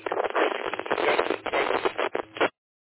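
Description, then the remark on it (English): Harsh, crackly radio static fills a narrow, tinny band for about two and a half seconds, a noisy ham repeater transmission from a caller in Michigan checking a radio installed in his Tundra, then cuts off abruptly into silence. “Yeah, a lot of static coming in, so hard to copy that.”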